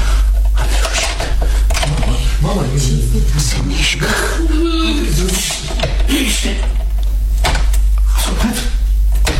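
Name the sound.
key turning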